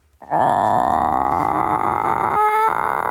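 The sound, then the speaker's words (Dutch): A person imitates the drawn-out call that new chickens make when meeting someone new, a friendly, curious greeting: a single sustained, loud, buzzy trill held for about three seconds with a brief wavering break near the end. “Het geluid wat ik het vaakst hoor bij nieuwe kippen, en die dus een nieuw iemand ontmoeten, is een soort langgerekte.”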